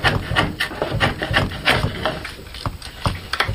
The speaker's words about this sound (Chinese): 每一次落刀，每一次打磨，都是与木材对话，与寂静相处。